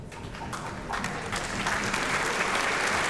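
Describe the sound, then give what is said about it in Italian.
Warm audience applause at the Teatro dell'Opera di Roma as conductor Francesco Ivan Ciampa enters before the third act of Verdi's La Traviata, a dense, steady patter of many hands clapping that swells slightly after the first second and holds strong, with no voices standing out. “E accolto dagli applausi del pubblico, applausi calorosi, entra Francesco Ivan Ciampa.”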